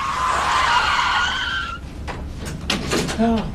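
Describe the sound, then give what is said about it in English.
Loud, high-pitched tire screeching as a car going too fast skids out of control at night, a sustained wailing squeal lasting nearly two seconds, then cut off by rough scraping bumps as the car flips, and a brief vocal sound. “He was going too fast and lost control, man. The car, it flipped.”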